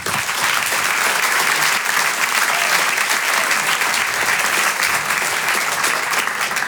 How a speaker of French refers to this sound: Je vous demande un tonnerre d'applaudissements maintenant pour l'artiste qui va nous rejoindre, un stand-upper. Vous pouvez l'applaudir très, très chaleureusement. Voici Ray Mendes.